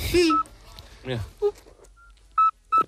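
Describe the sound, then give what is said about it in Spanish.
A nocturnal toad's whistling call: a few short, pure, high-pitched whistle notes, clear and fairly loud, repeated at irregular intervals. People talk briefly at the start before the whistles come through. “Y es un animal de hábitos principalmente nocturnos, lo cual me cae bien, y su canto recuerda al silbido este que nos han puesto, que no se lo creen ni Dios.”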